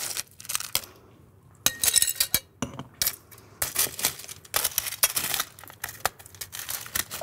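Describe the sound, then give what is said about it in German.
Crushed ice clinking and rattling into a glass holding limes and sugar, with bright crunchy clatters and scraping bursts in quick irregular succession, without any talking. “Also wir nehmen dann die Limetten und machen die ins Glas. Dann kommt wieder Zucker, Eiswürfel dazu.”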